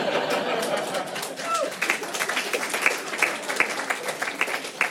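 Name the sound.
audience clapping and applause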